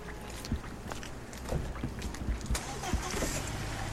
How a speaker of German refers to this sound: Jetzt machen wir draußen die Studiotür zu, weil die Autos sind ein bisschen zu laut.